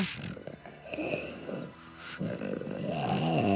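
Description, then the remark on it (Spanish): A person imitates a dog with rough, throaty growls and snorts in several uneven bursts, briefly pausing midway and growing louder and more strained toward the end. “¡Ay, qué perro te sale!”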